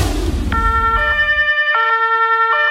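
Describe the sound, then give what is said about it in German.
A loud siren on a huge fire truck in Tulln, Lower Austria, blares in a two-tone pattern, switching back and forth between a higher and a lower pitch, after a brief low rumble at the start. “Ich stehe vor einem riesen Feuerwehrauto”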